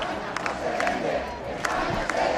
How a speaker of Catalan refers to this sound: Ho feien amb moltes banderes espanyoles i amb càntics en contra del president Pedro Sánchez. A Eivissa, la Policia Nacional ha comptabilitzat 900 persones i a Mahó 300. A la plaça de Cor de Palma s'han sentit càntics com aquest.